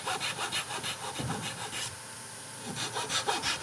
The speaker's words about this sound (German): haben hier mit unserem Holz eine natürliche Struktur, von der ich nicht weiß, wie das Holz auf der Unterseite wegbrechen wird. Um da es zu vermeiden, dass dort unkontrolliert Holz wegsplittert, säge ich also an mehreren Stellen nochmal bis unten weg.